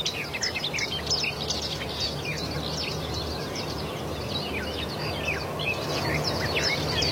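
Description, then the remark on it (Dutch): Several garden warblers sing in low willows in the morning sun. One pours out a fast, rambling warble, busy and continuous like a quickened blackbird song, between a blackbird and a blackcap. Other faint chirps and a soft outdoor hum sound behind it. “Het zit een beetje tussen een merel en een zwartkop in. En de zang wordt ook wel omschreven als een snelle variant van de merel.”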